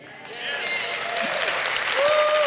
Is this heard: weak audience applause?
yes